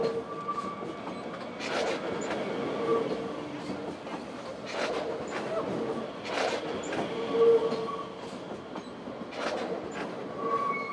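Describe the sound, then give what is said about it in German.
A train rumbles steadily through a station, with thin metallic wheel squeals and periodic clattering bursts rising over the continuous low roar, moderately loud. “Man hört die Züge eben mehr quietschen als in anderen Bahnhöfen.”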